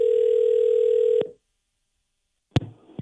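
An outgoing call's ringback: one steady, mid-pitched tone holds for just over a second, then silence, then a sharp click as the line is picked up, followed by faint line noise.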